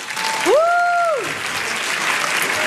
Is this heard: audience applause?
yes